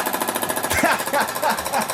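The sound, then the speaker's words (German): A pneumatic jackhammer pounds in a rapid, steady stream of sharp metallic blows, loud and continuous for the whole stretch, with voices talking over the second half. “Ist das ein Specht oder ist das ein Presslufthammer?”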